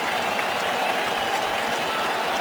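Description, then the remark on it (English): A big baseball crowd waving rally flags roars and cheers after a strike in a steady, dense wash of noise, loud and sustained throughout with no single voice standing out. “And this crowd with their rally flags come alive.”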